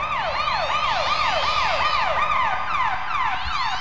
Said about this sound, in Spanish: Y de pronto se pusieron muy locos los granaderos porque le subieron el volumen a sus sirenas. A mí eso me llamó mucho la atención. Le subieron el volumen y pusieron... eran como gritos, como cuando los gatos en la noche andan peleando y eso.